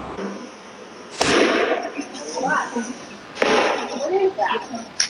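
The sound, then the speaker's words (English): Two sharp gunshots, caught on security camera footage shortly after 8 p.m. at a street festival celebrating Latin culture, crack out a couple of seconds apart, each leaving a brief echoing tail over a noisy outdoor background with faint, indistinct voices. “You can hear the gunshots ringing out in security camera footage shortly after 8 p.m. as the chaos unfolded.”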